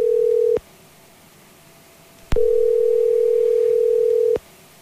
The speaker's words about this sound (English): 100.7 Kick FM, making a phone call for the Minnewaska Meats and Catering Wheel of Meat, giving them four rings. If they don't answer within four rings, we're going to move on.